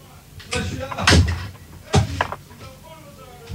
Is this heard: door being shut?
yes